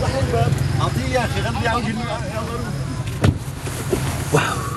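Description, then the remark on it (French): A steady low engine rumble and road hum fill a moving car's cabin after passengers have got in, with people talking over it and a couple of brief knocks near the end. “vous êtes montés dans la voiture.”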